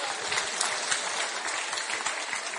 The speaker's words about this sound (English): That deserves a big round of applause, in my opinion. Thank you.